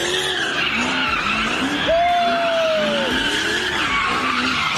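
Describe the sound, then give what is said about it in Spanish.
Car tires skid and squeal continuously as a group of young people spin street donuts in cars. A high sustained screech rises over a revving engine that surges and dips. “Así fue como un grupo de jovencitos se burló de este policía que intentó ponerle un alto a las donitas callejeras.”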